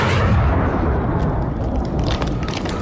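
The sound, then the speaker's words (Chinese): Dense, continuous gunfire crackles over a heavy rumble of booming blasts, loud, with rapid shots overlapping so there's no pause between them and no voices; gunfire at the Battle of Lazikou on the Long March, September 1935. “枪声越打越密，队列中的战士们都叫着， 打枪的地方就是腊子口了，大家快跟上啊，今天我们一定要占领这个腊子口呀。”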